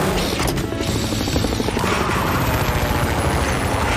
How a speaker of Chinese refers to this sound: 糟糕，我的直升机制造出了猛烈的风。